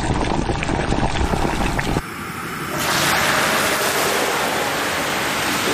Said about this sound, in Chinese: 一套流程走下来，大个的猪肘子浓墨重彩的进入大锅里炖煮。